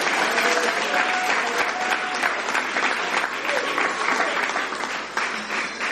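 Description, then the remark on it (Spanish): A church audience applauds the Lord loudly and steadily, a dense wash of clapping hands that holds for several seconds, with faint scattered voices and cheers mixed in. “Gloria al Señor, dele fuerte ese aplauso al Señor.”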